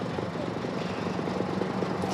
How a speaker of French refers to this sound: Eh bien, écoutez, on voit qu'il y a énormément de moyens mobilisés sur place et surtout cet hélicoptère Dragon, peut-être que vous le voyez, mais surtout que vous l'entendez. Il est en train, eh bien, de survoler la zone